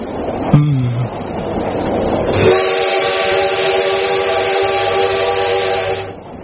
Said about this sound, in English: After what seemed an eternity of silence between us, the train entered a tunnel. It was like the fall of a curtain.